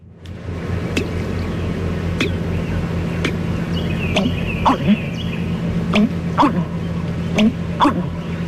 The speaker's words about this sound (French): Le deuxième oiseau qu'on va faire, c'est le butard d'Amérique.